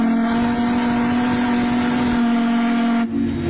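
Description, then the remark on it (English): A single loud, sustained horn blast, recorded on a phone by someone standing next to it: a steady, low, brassy tone with buzzing harmonics and a hissy edge, holding for about three seconds before cutting off abruptly. No one speaks. “Just the ear-piercing loudness when I was standing next to it and the horn hit.”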